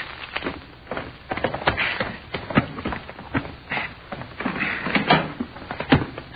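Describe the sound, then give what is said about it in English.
A door is unlocked with keys and opened: a busy run of sharp clicks, rattles and clunks as a key works the lock before the door bumps open, with no voices. “All right, go ahead and open the door”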